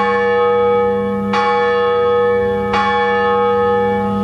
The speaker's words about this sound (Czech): A vlastně první dvě udávají ten tón. To je průřez budoucího zvonu. No a kdyby se ozýval ten tón zvonu, dejme tomu C, no tak je to fiasko.